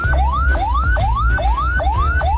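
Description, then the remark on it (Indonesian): A loud ambulance siren, the pattern used when carrying a non-critical patient, repeats a rising wail that drops and starts again about twice a second, steady and unbroken, over a low engine rumble with no talking. “Yang pertama, sirine membawa pasien yang tidak kritis, berbunyi agak lambat dan berulang-ulang.”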